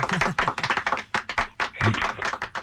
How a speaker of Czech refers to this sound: No tak to je krásný, příběh, za to tleskáme. Hezky.